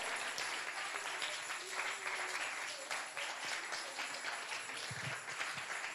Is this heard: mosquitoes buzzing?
no